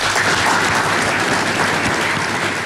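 Sustained, loud applause from a crowd, a dense steady wash of clapping that holds at an even level throughout, with no voices, as the Chinese and Russian heads of state jointly unveil the logo of the China-Russia Year of Education.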